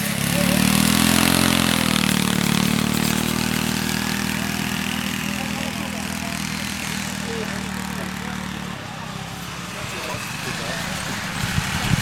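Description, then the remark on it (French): Loud, steady roar of small ride-on lawn mower engines in a ride-on mower race at Glandage, a droning buzz that holds for several seconds before shifting pitch and turning rougher near the end. “Tu connais, je sais, les courses de tracteurs tondeuses?”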